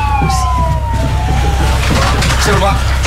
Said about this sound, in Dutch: Sirenes.